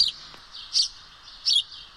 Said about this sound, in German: So hört er sich an, der Haussperling oder einfach gesagt der Spatz. Er gehört zu den häufigsten Brutvögeln in Deutschland. Ein oft gesehener Gast am Futterhäuschen.